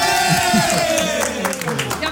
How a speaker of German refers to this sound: Ich will jetzt gleich Jubel hören. Gewinner Team Alt gegen Team Jung. Der Gewinner ist Team Alt.